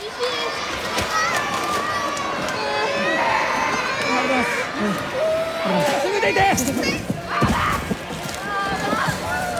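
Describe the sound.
Frightened residents cry out and shout over one another in a dense, agitated crowd as a powerful 6.8 magnitude earthquake hits the island of Kyushu, with high-pitched voices, hurried movement and a sloshing rumble underneath, continuous and loud throughout.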